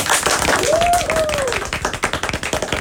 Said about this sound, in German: Einmal kurz die Applausabfrage ins Team, vielleicht auch an die Zuschauer.